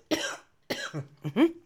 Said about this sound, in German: nur echt mit Husten, wisst ihr ja.